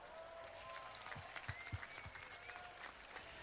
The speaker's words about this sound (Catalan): I demano per la Junta, fem un gran aplaudiment.